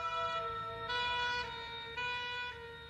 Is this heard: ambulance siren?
yes